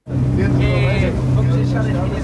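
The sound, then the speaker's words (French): A Portuguese gendarmerie coast guard patrol boat engine drones steadily and loudly at sea at night, setting out from Lisbon: a low continuous rumble with a faint higher whine, while indistinct voices murmur over it. “a embarqué de nuit avec les gardes-côtes de la gendarmerie portugaise.”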